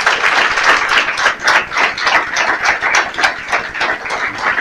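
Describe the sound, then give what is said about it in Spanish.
A church audience claps for the Lord to welcome first-time visitors, a dense, steady burst of applause, many hands striking in quick overlapping rhythm, loud, filling the whole few seconds without any talking. “Damos un aplauso al Señor por la vida de ellos.”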